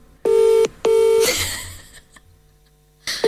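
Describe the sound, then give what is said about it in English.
Two loud, steady electronic tones of an outgoing phone call on speaker, a brief pause between them, followed by some faint rustling and the start of another tone at the end. No one speaks; the call goes unanswered. “I don't think he's going to answer. People don't really answer.”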